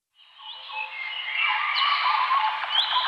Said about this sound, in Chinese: 鸟鸣，溪流，森林，草原，大海。如果有一天，这些美好的声音突然消失，为了守住这些美好的声音，热爱大自然，呵护地球家。